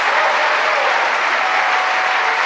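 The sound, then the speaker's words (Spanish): Sustained applause from an audience, a dense, steady wash of many hands clapping at an even loudness throughout, with no voices standing out. “¿Cuánto le dan un aplauso a ese amor de Dios?”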